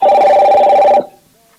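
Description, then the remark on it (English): A telephone rings loudly for about a second with a bright, steady warbling tone, then cuts off abruptly, leaving near silence with a faint trailing tone. “You can see your phone is reading.”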